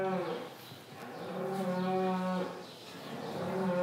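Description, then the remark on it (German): A cow giving birth in a cattle barn during calving season moos repeatedly in long, low, drawn-out calls, fairly loud, with an enclosed indoor feel and no talking. “Von Oktober bis Ende März ist Abkalbezeit. Da hat er die Kühe lieber im Stall.”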